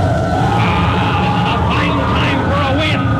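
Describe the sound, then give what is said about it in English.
A howling storm wind on an island roars steadily throughout, loud, with eerie whistling tones that rise and fall over a dense rushing noise. “Not in this storm. Listen to that wind.”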